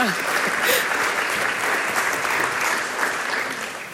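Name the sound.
audience applause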